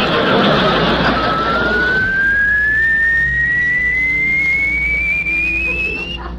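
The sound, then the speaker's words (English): A car lift raising a car on a rack after a black button is pressed: a steady mechanical hum with a thin whine that climbs slowly and evenly in pitch for several seconds, fairly loud, with no talking. “Press that black button, Clem, and take her up.”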